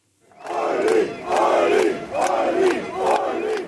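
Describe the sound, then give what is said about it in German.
A large crowd of fans chants in unison for Ulrich Siegmund, the AfD's lead candidate, during election campaigning in Magdeburg. Voices rise and fall in four rhythmic swells, loud, with a roar of cheering beneath the repeated chant. “Jubelchöre seiner Fans für Ulrich Siegmund, Spitzenkandidat der AfD.”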